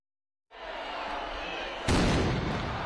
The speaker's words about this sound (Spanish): Con el tradicional cañonazo vuelve a arrancar la Semana Grande de Donostia. De esta forma dan comienzo 7 días de fiesta con más de 400 actividades por toda la capital guipuzcoana.